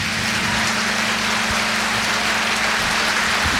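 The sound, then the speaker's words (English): A crowd applauds a group of musicians at a live music performance in a steady, dense wash of clapping that holds at an even loudness throughout, with a low constant hum running underneath and no voices. “Let's have a big applause for these guys.”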